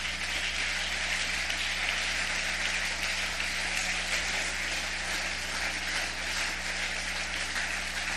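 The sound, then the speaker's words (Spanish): An audience applauds, a dense, steady roar of many hands clapping that holds at an even, fairly loud level for the whole stretch, with no voices rising above it and a low hum underneath. “Y si ese aplauso es para él, de lo más fuerte.”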